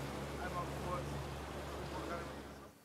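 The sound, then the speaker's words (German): A motorboat engine drones steadily, a low rumbling hum with rushing water and wind noise, faint muffled voices underneath, before the sound cuts off abruptly at the end. “Also darauf würde ich noch mal ein Auge drauf haben und meine Truppe gleich informieren, dass sie noch mal vielleicht jetzt aber mit dem Boot dahin fahren.”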